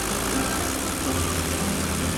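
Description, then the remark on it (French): A Potez 25 biplane's propeller engine runs steadily as the plane leaves the hangar at the airfield in Santiago, a loud, continuous droning rumble and a low throbbing hum, with no one talking. “À 7h45, son avion, un Potez 25, quitte le hangar.”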